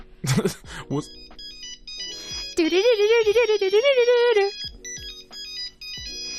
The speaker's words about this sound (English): I really liked this. This was a Nokia ringtone from, like, the very first phone that ever existed.